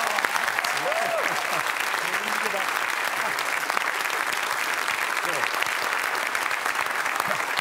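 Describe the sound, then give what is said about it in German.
Steady, dense applause from a large audience welcoming a guest fills the whole stretch, loud and continuous, with faint voices and a few whoops rising briefly above the clapping. “Deswegen begrüßen Sie bitte mit einem donnernden Applaus”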